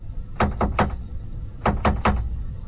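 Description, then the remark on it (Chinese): Two sets of three firm knocks on a door, evenly spaced with a short pause between sets, fairly loud over a low, steady background hum; in a fairy tale, the big grey wolf knocks on the young goats' door. “狡猾的大灰狼就藏在山羊家附近，山羊妈妈出门后没多久，他就跑去敲门了。”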